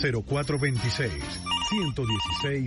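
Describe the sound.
A telephone rings with a rapid warbling electronic trill that starts about halfway through and repeats in short bursts, sounding fairly clear beneath a person talking continuously over it.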